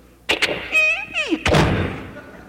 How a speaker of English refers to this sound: So he starts out of the house going out to the car. Here he comes, walking across the living room floor, going outside. Opens the front door.